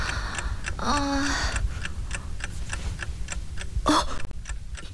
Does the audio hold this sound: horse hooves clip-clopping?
no